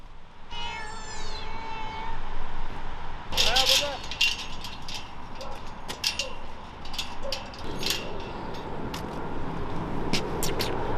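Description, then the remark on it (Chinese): A rescued ragdoll cat named Baozheng, with black fur on its face and an amputated leg, lets out one drawn-out, rising meow near the start, followed by scattered clicks and light rattling over a steady background hiss. “包拯是一只布偶猫，因为脸上的毛发是黑色的，像极了包公，所以取名包拯。”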